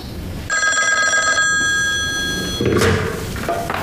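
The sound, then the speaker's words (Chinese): A telephone rings with a bright, sustained bell-like tone lasting about a second, followed by handling clatter and a door-like thud, with no voices. “你给我接省军区电话。”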